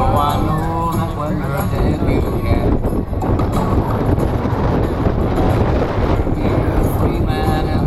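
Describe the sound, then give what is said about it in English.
Strong wind buffets the microphone in a loud, continuous low roar that fluctuates throughout, with a voice faintly audible beneath the rumble at the start and end. “It's so windy.”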